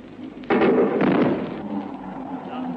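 A Hawker Hunter jet flown by Neville Duke makes a sonic boom that arrives as a loud double bang: two heavy, deep booms about half a second apart, followed by a fading, rumbling tail with no voices.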